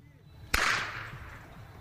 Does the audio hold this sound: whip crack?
yes